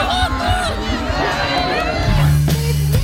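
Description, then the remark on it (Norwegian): A large outdoor crowd of thousands cheers and chatters at a celebration for the new king on Rådhusplassen, the town hall square in Narvik, in a dense, continuous roar of many voices, with a low droning tone rising underneath toward the end. “Det var fest på Rådhusplassen I Narvik I dag, med tusener av frammøtte og jubel for den nye kongen.”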